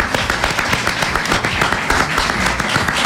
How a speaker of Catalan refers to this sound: un aplaudiment.